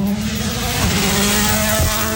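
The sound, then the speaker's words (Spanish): A loud rally car engine roars at a World Rally Championship event, its revving pitch holding steady before dropping sharply near the end as it passes. No one speaks over it. “Vemos, ya escuchamos parte del ambiente, ojo, que se aproxima un auto, escuchemos.”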